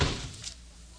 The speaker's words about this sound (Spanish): ¡Que cierres la puerta, idiota!